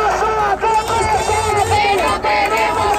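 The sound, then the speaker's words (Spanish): A large crowd at a housing protest march in Málaga, Spain, chants in unison at night, loud and unbroken, many voices rising and falling together through repeated phrases with short breaks between them. “Así sonaba anoche la manifestación por la vivienda en Málaga”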